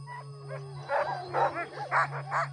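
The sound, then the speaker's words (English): A pack of sled dogs barking and yowling in quick, overlapping bursts, their excited calls rising into howl-like tones over a steady low hum, with no one talking. “And then I came here as a young adult, and I completely fell in love with the dogs.”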